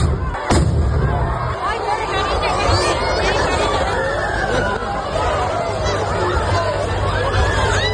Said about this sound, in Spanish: El incidente se ha producido tras explotar varios cohetes contra la multitud que se agolpaba en la plaza.